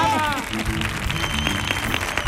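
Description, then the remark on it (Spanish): An afternoon audience at a live show recording bursts into steady applause, a dense wash of clapping that stays loud for a couple of seconds, with shouted voices and cheers mixed in. “Así que un aplauso para nuestro público de esta tarde.”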